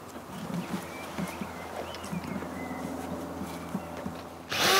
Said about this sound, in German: bohrt zwei Löcher. Sie dienen der Luftzufuhr.